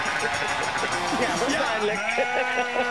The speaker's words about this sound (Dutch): Maar het was een schaap, wat goed